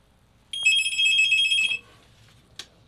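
A single burst of a telephone ringing, a bright, rapidly trilling electronic tone lasting just over a second, followed by quiet and a brief click.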